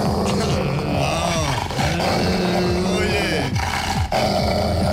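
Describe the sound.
Dogs bark and growl loudly and continuously, their rough, throaty calls rising and falling over one another, with people talking underneath throughout.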